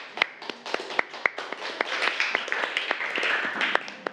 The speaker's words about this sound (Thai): เก่งมากปรบมือให้กลุ่มหนึ่งค่ะ